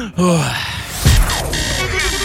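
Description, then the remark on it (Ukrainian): A person takes deep, drawn-out breaths to calm down, the exhales carrying a soft voiced sighing tone, with no words spoken. “Я отак, дивись, дихаю.”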